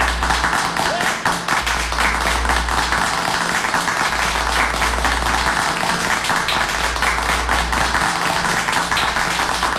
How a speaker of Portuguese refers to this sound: Aplausos, aplausos, aplausos, bem aplaudido, bem aplaudido, bem aplaudido, bem aplaudido, vai.